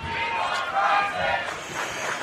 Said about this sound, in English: Some of the fans are cheering for Bryson Lowe to come in at quarterback.